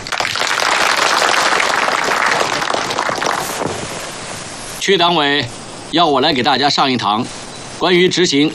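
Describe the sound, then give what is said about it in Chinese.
Loud, dense audience applause for about four seconds welcoming a political commissar invited to lecture on the three-thirds system, a steady crackling wash of many hands clapping that fades out, followed by a man speaking in short phrases with pauses. “大家掌声欢迎。”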